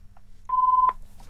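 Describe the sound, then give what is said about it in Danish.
A telephone rings with a steady electronic tone during a bingo game, one clear beep of under half a second followed by the start of another, over a faint low hum. “Og der ringer det, min santen.”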